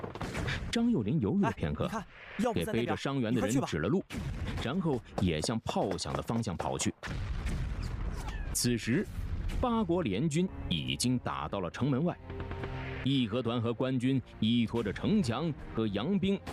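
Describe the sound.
Heavy artillery booms thud repeatedly beneath continuous talking, with dull, muffled blasts rolling in at irregular intervals, like cannon fire, as foreign troops' cannons bombard a city wall.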